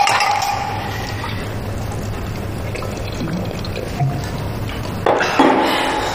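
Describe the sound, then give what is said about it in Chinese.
Glasses clink together in a toast among friends drinking, a short bright burst near the end, following a steady wash of pouring, splashy liquid sound and low background hum. No one speaks. “兄弟们一块出来的，转了一圈咱们要凑在一起了，干杯。”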